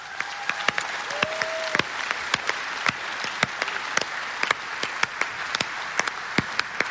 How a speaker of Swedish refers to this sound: 300 volontärer som ger av sin tid för att det här ska vara möjligt. Jag tycker det är värt en applåd.